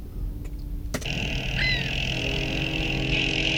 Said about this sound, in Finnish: Tämä on maantie. Autoja tulee vastaan.